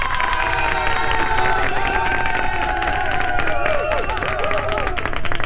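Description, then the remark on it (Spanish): A large crowd cheers and applauds loudly and continuously, a big round of applause for someone who became champion, with dense clapping under excited shouts and whoops, all at a steady, full level throughout. “este es un aplauso súper grande que va para ti porque quedaste campeón.”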